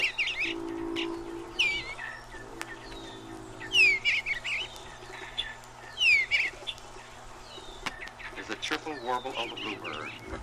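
An eastern bluebird sings short, soft, cheerful warbling phrases from the roof of a birdhouse in a garden on a spring morning, repeated every couple of seconds, over a steady low hum and faint background murmur.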